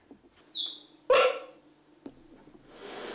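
Two cheetah cubs give two bird-like chirps: a thin, high descending peep followed by a louder, raspier yelp, then quiet with a soft hiss of background noise.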